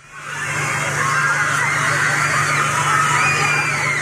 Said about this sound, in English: Those are the screams and excitement of joy as the Bellevue Fire Department used their engine hoses to cool down a group of students over the weekend.